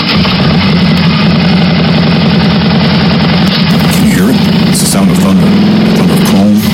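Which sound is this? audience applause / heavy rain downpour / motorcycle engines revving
motorcycle engines revving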